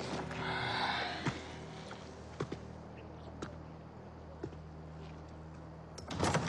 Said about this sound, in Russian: Открывается дверь. Адъютант пропускает вперед Бочкареву, идет вслед за ней.